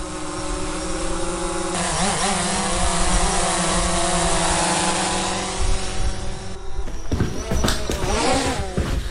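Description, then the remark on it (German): A steady, high-pitched motorized buzz hums continuously, its pitch wavering and rising slightly as an AI-controlled drone flies in, before breaking into choppier, fluttering bursts near the end. “Ja, Talissa, ich glaube, das ist eine Drohne. Die kommt hier rein.”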